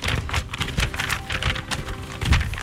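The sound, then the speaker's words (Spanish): Crackly rustling of paper sheets being shuffled and handled, a dense run of crisp bursts with a louder crinkle near the end, no voices. “Ay, cómo me gusta hacer escándalo con las hojas, ¿verdad?”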